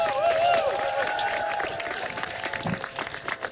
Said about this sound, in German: Ich möchte, dass ihr einen riesengroßen Applaus macht